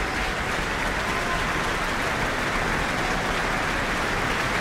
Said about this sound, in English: The New Zealand Opera Chorus are now coming on to the back of the stage to receive their applause.